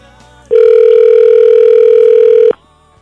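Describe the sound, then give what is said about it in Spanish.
A telephone rings on an outgoing call: one loud, steady electronic ringback tone holding for about two seconds before cutting off, with faint background noise around it and no voices. “Ahí está, sonando está el teléfono.”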